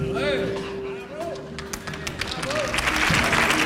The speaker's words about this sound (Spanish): Esta ovación da respuesta a tu respuesta.